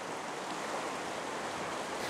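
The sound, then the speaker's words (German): Storm-driven waves in the Flensburg Fjord, Germany, pushed in by a storm as the water rises, churn in a steady, roaring wash of water, loud and continuous without any break, with a windy hiss over the top and no voices. “Der Sturm drückt die Wassermassen weiter in die Flensburger Förde.”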